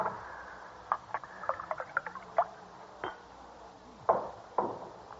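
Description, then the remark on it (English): Wet gulping of cold wine: a quick run of swallowing clicks and slurps, then a pause and a few heavier gulps near the end, with no talking. “Oh, I just like to gulp a little while it's still cold.”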